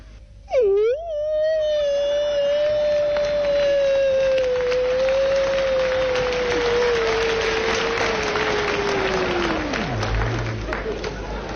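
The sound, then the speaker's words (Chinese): A man's voice imitates a wolf call as a vocal warm-up, holding one long howl for about nine seconds that swoops up at the start and slowly sinks, with crowd noise and applause underneath. “这是狼叫唤呐！”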